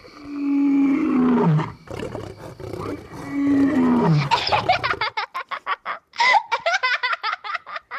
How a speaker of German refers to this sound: Das zweite war, glaube ich, Raubkatzengebrüll.